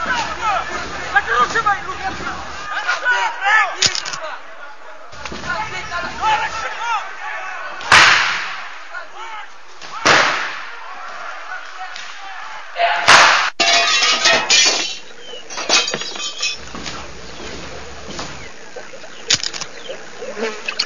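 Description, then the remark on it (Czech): A chaotic brawl in a restaurant: several loud crashes and slams at irregular intervals, with clattering and breaking glass, under a steady din of shouting, agitated voices. “jsme u restaurace, bojíme se dovnitř, nějaká strašná rovačka, je nás tady hrozně málo, žádám o posily.”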